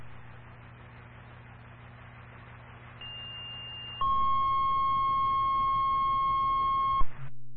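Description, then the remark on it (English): A Garrettsville Fire dispatch paging alert calling for drivers plays over a radio hiss: a short high-pitched tone followed by a longer, loud, steady lower tone lasting about three seconds before cutting off abruptly. “Garrettsville Basic Dispatch, can you get on a tone for a driver?”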